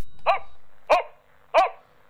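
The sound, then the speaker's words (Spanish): Three sharp barks from a pair of dogs, spaced roughly evenly apart, moderately loud, with a faint background hum and no talking. “Oye, estos perros, un par, están siempre causando problemas.”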